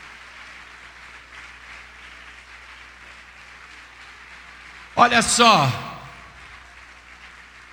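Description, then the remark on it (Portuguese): A church audience applauds steadily for the name of Jesus during a service, a diffuse wash of clapping, then a loud voice calls out briefly over it near the end. “Vamos aplaudir mais, igreja, vamos aplaudir mais.”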